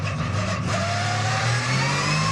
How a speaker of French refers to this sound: Mais quel moteur! Quel moteur! Écoutez-moi ce son! Moteur qui prend 9500 tours. Vous avez bien entendu, 9500 tours. Oh, c'est bon ça!